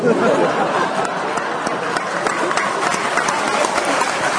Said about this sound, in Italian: Mi mettete un applauso per fuori.